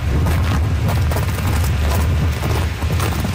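Loud, steady wind in Hillview, Newfoundland, roars without a break, with deep low rumbling buffets and a broad hiss on top, surging slightly in strength over a few seconds. No voices are heard.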